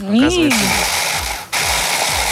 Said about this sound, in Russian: Можно сделать руками, но мы сделаем миксером. Мы же на радио, у нас должен быть классный звук измельчения.